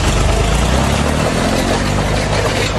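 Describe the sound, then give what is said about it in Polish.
An agricultural tractor engine drones steadily while its attached plough grinds and scrapes across freshly laid asphalt on a street in Gliwice, Poland, tearing up the road over nearly 200 metres; a loud, continuous rough roar with no pauses and no voices. “Mężczyzna ten, kierując ciągnikiem rolniczym, do którego podłączony był pług, jechał wzdłuż drogi, uszkadzając ją na odcinku prawie 200 metrów.”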